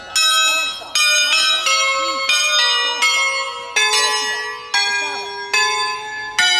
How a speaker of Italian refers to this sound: Queste campane sono diventate patrimonio dell'umanità